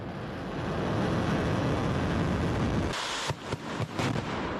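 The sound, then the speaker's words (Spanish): A ballistic missile launch by strategic missile forces from a mobile launch platform roars loudly and steadily, a dense rumbling blast that swells midway into harsher crackling bursts and sharp pulses, with no voices present. “Ahora, las fuerzas de misiles estratégicos también practicaron el traslado de la plataforma móvil de lanzamiento a una zona alejada con la posterior maniobra para este disparo.”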